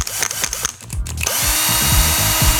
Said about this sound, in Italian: E allora mi dite, Sile, è un trapano a batteria, Alessandro da Modena. È un trapano.